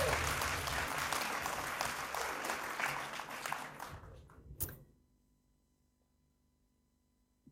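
A crowd applauds with dense, steady clapping for several seconds, gradually thinning out and stopping abruptly, leaving quiet with faint background hum.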